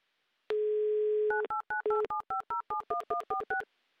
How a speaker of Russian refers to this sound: Набран номер телефона